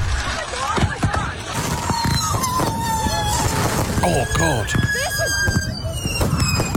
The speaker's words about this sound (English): See, the thing is, though, people didn't secure the fireworks. Works property, and this is what happened.